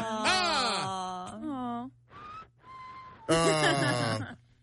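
A person whistles over the phone: mournful, sliding vocal wails bracket a couple of thin, breathy whistled notes held at a steady pitch, a shaky and tuneless attempt at whistling that mostly comes out as moaning.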